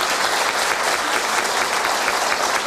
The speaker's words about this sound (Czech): Díky němu, pan profesor Vichtrle. Víte, určitě tohle je potlesk, který doufám, že uslyší.